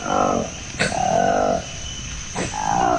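A colobus monkey roar in the rainforest, recorded by a Congolese research team: three loud, throaty calls with a grunting, growl-like tone, each lasting about half a second and separated by short pauses, clear with no talking.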